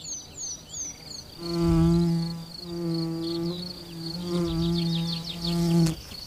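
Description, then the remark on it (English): A bee buzzes around flowers in three sustained bursts with brief pauses between, the drone rising and falling as it moves, while birds chirp faintly in the background. “Another flower and another kind of bee.”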